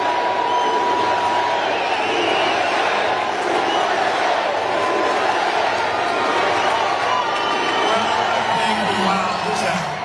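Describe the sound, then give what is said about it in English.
A large crowd chants together in unison as a man walks up to a microphone, a loud, steady roar of many voices filling the space for the whole stretch, with the rhythmic "USA" chant carrying over the din. “Getting a USA chant.”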